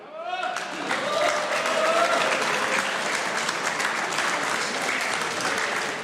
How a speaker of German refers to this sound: Inzwischen ist auch der Herr Bürgermeister Matthias Weghofer zu mir auf die Bühne gekommen. Herr Bürgermeister, das ist Ihr Applaus.